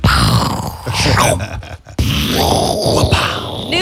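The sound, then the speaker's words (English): A man's voice imitates a pirate cannon with loud, rough, groaning blasts of breath, dropping out briefly partway through, then surging into a second long, strained roar. “That's hardly a pirate cannon.”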